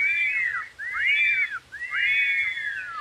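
Three clear, arching whistles follow one another in quick succession, each a bright sliding tone rising and falling, fairly loud, with brief gaps between them and no talking.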